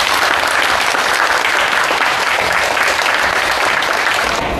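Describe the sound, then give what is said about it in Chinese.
Steady, loud applause from a classroom of people welcoming a guest invited by the teacher, a descendant of the revolutionary martyr Fang Zhimin; a dense wash of clapping that holds evenly for several seconds without any talking over it. “今天老师很有幸邀请了方志敏烈士的后人方汉辉先生来到我们的课堂，大家掌声欢迎。”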